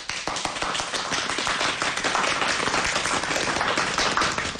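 A crowd on Dachen Island breaks into sustained applause for the island's windsurfing team, dense overlapping claps forming a steady, loud wash of sound that holds evenly throughout with no voices over it.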